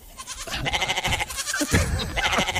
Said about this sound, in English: Well, my goat doesn't quite sound like that.